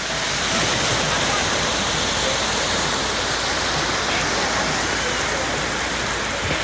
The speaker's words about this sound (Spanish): Cap a les 9:30 del matí, aproximadament, la mar sonava així.